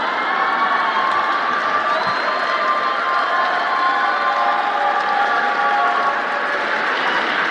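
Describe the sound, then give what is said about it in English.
A large crowd claps and cheers steadily for several seconds, a dense, loud wash of applause with shouts mixed in and no pauses. “Let's clap for that.”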